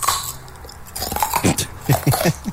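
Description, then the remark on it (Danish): Someone chewing a raw carrot, with a run of crisp, crunchy bites that come in a loose rhythm and grow louder toward the end. No one speaks. “Det er en gulerod.”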